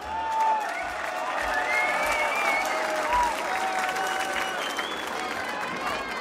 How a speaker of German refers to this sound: ein Applaus für dich. Danke für dieses Stück.